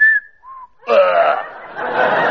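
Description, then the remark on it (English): Two short whistled notes, a higher pitch followed by a lower one, clear, then a louder, rough burst of sound that lasts to the end; the notes are presented as the two notes Rachmaninoff whistled on his deathbed as a clue to his final piano concerto. “He left just one clue to his final piano concerto in the shape of two notes whistled on his deathbed.”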